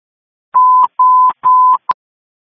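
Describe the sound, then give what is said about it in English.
Three short, steady telephone-style tones sound in a row, each ending with a click, followed by one quick blip. They are loud, with no voices. “1-17, phone call follow-up.”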